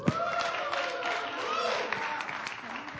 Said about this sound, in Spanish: Nosotros también, y se demuestra con este aplauso.